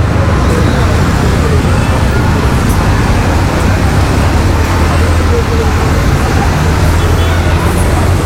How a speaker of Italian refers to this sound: Quello che avete appena sentito è il classico delirio acustico che ci becchiamo ogni giorno a Verona in mezzo al traffico.